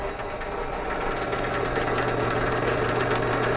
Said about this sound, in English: This is just, we actually used to use a drill press like this to mix. So you just turn it on and then it runs a blade that mixes the solution.